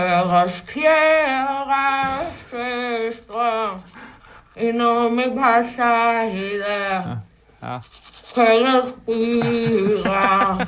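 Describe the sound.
A voice sings a melody with garbled, muffled vowels, as if through a toothbrush in the mouth, in wavering sustained phrases broken by short pauses, with faint scrubbing underneath.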